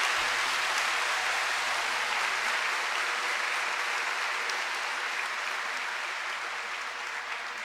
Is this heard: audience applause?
yes